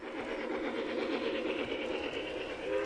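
A steady mechanical whirring and rattling of model trains trundling continuously around the tracks of a large display by the group Tin Plate Trackers at a model train expo in the San Antonio Church Expo Hall, with a busy mid-range hum and faint clicking throughout, no voices.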